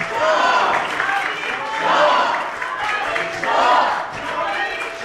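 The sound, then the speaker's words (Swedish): Members of the Swedish Riksdag and a crowd applaud steadily while several audience members shout and cheer "Javid Shah" ("long live the king") over the clapping. The noise swells and eases in waves across the few seconds. “vi applåderas av svenska riksdagsledamöter och några i publiken ropar också Javid Shah, alltså länge leve kungen.”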